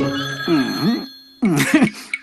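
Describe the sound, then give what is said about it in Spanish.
A telephone rings twice in two bursts separated by a short pause, loud, with a warbling, trilling tone and no one talking over it. “Alguien tiene que contestar ese teléfono.”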